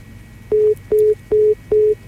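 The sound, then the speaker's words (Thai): A steady series of beeps from a telephone after a call has dropped: five short identical tones, evenly spaced about every 0.4 seconds, loud and clear over a faint background hiss. “ไปทางไหนล่ะตูดตูดหายไปเลยไปยังไงกันเนี่ย”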